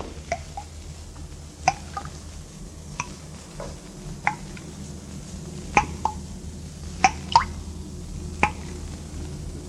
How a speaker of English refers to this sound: No. The place is empty. Not a sound but the dripping water.